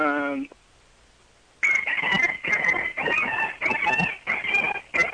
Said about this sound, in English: More monkeys? That was a rooster.